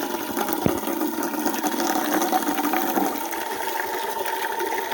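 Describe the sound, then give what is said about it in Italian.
Water runs steadily from a drinking fountain, being left to run before drinking, a constant hiss and splash that holds at the same level for the whole stretch, with no voices. “Adesso falla buttare un po', eh! Perché sennò è calda!”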